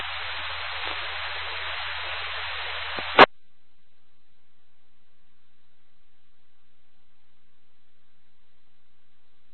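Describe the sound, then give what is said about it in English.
About three seconds of steady, hissing radio static over a low electrical hum on a ham radio net, the Noontime Net, cut off abruptly by a sharp click, followed by silence. “Yeah, well, between the lightning and the static and everything else there, it's kind of hard sometimes, but we're getting them in there.”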